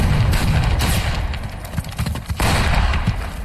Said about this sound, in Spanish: Y aquí, en medio de los disparos, en una avanzada de las fuerzas norteamericanas